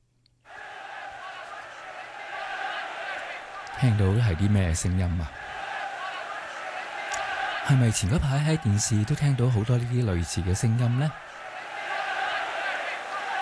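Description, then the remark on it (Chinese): A steady roar of football fans cheering fills a large stadium throughout, loud and continuous, while a man talks over the crowd noise in two stretches. “系啊，球场上好多球迷嘅欢呼声，应该唔系嘘声啊。”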